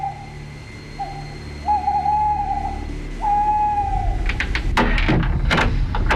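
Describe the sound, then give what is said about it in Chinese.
At night in front of a house, a man imitates an owl with three steady, hollow hoots, one short and others drawn out, followed by a burst of clattering, shuffling noises. “杨再彪趁着夜色的掩护悄悄摸下山，他来到一处民宅前，学了三声猫头鹰叫。”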